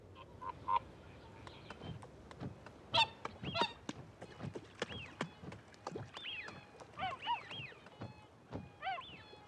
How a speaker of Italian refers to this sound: Ogni mattina, all'alba, i cigni selvatici lasciano gli specchi d'acqua per andare in cerca di cibo. Per i volatili avvezzi all'Islanda, il Burren ha tutto l'aspetto di un paradiso, persino d'inverno.